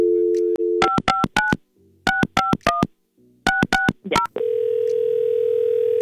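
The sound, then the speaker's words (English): A phone line's steady dial tone, then touch-tone keypad beeps punched in three quick clusters, followed by a continuous electronic line tone that holds to the end. No voices. “I want to call him, and then I'm gonna pat.”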